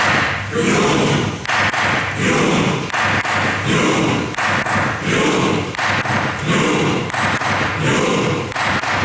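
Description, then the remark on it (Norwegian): A steady series of loud gavel strikes, roughly one per second, each a heavy thud, struck by the parliament president in the Norwegian parliament (Stortinget) to lead a rowing chant for the national football team, with a large crowd's noise swelling in rhythm alongside them. “Og jeg har klubba. Første slaget kommer.”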